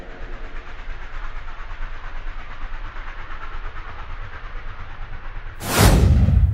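A train rolls steadily along the tracks with a continuous rumbling, rattling roar, then a sudden loud whoosh swells up near the end as something rushes close past.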